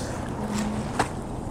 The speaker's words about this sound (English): So it's actually windy, huh? Yeah. It's a windy day